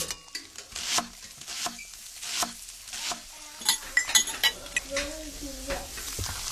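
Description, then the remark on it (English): Busy kitchen noise: irregular knocks like chopping, mixed with scattered clinks and clatter of dishes and utensils over a steady, faint hiss. No one speaks. “Can you tell if the surfaces in this kitchen are crawling with bacteria that could cause chronic arthritis?”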